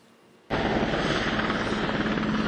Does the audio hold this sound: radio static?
no